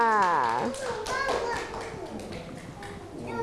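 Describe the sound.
A group of children at Wang Klai Kangwon School breaks into quick, uneven clapping for a classmate who has just said the school's name. The clapping carries on steadily after a brief voice at the start, with some chatter mixed underneath the applause.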